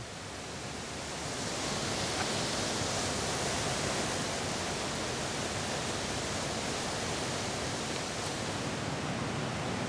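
rushing water

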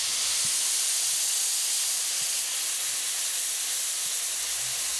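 steam locomotive hissing steam

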